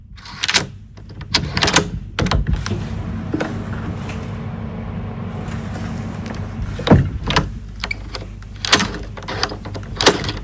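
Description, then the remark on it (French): A key scrapes and turns in a door lock, producing a series of sharp metallic clicks and rattles over a steady low hum with no voices. “Ok, mais je dirais le mouvement d'une clé dans une porte.”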